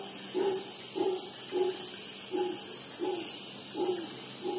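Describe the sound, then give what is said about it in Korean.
The troop's leading male howler monkey gives a steady run of about seven deep, throaty roaring calls, evenly spaced and fairly loud, with no voices over them, howling to mark its territory and drive off rivals. “울부짖는 소리로 영역을 확인하고 경쟁자를 물리치는 것도 대장의 몫이죠.”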